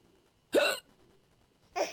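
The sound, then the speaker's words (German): Two sharp hiccups about a second apart, each a short, abrupt burst, with near silence between them and no talking. “bis er den Schluck auf weggebracht.”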